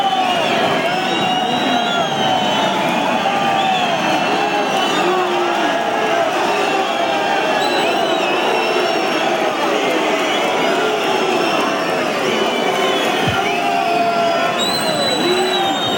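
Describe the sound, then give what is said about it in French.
A large bullring crowd roars and clamors continuously, petitioning for a second ear: a dense, loud wall of shouting voices and whistles with rising calls, sustained throughout without a break. “La pétition, elle est déjà majoritaire. Écoutez.”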